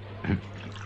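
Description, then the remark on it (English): A quick splash of pest killer poured from a bottle onto an ant on a desk, lasting only a moment, followed by a low steady hum in the background. “Well, yes, that seems to have drowned it quite effectively.”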